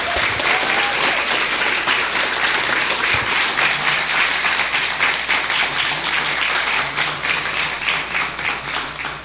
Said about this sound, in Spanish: así que yo sí les voy a pedir que les regalemos un fuerte aplauso a los bomberos.